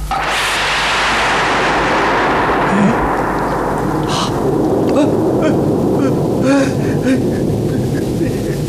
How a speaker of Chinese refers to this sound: 怎么回事？晴天打雷！